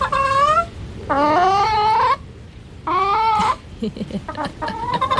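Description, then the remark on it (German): A hen kept with other hens in Anatal-Weimar gives a series of drawn-out, tuneful calls, three long wavering notes followed by shorter broken clucks, fairly loud, sounding almost like she is singing a melody. “Welches Lied gackert Zeus da?”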